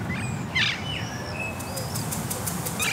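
Ring-necked parakeets, Alexandrine parakeets, a blackbird, a chaffinch and a wood pigeon call and chirp in the open air in Düsseldorf by the Rhine: sharp whistles and trills, a burst of rapid repeated chirps, over a steady low city rumble with no one speaking.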